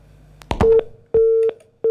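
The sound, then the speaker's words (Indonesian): A telephone busy tone after a radio station's phone call with the Head of the West Java Provincial Environment Agency dropped: a steady electronic tone pulsing on and off in short, evenly spaced beeps with brief clicks at each onset, clear, no voices. “Kami, pendengar kami terputus hubungan telepon bersama Kepala Dinas Lingkungan Hidup Provinsi Jawa Barat, Ibu Ain Saadiah Dwida Ningsih, STMT,”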